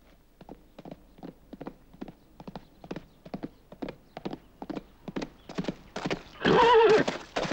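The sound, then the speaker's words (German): Hooves clip-clop in a steady, even rhythm, growing slightly louder, before a horse lets out a loud, shrill whinny near the end. “Der Wagen ist abgefahren! Auf die Pferde!”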